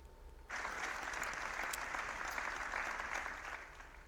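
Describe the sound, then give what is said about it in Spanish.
Applause breaks out suddenly after a minute of silence held in mourning, a dense, steady wash of many hands clapping that holds evenly for several seconds before easing slightly at the end. No voices are heard. “El minuto de silencio ha finalizado con un sentido aplauso.”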